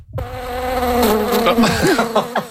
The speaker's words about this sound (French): Bondé de moustiques. Oui, ça, ce sont des moustiques pour parler des joies du camping.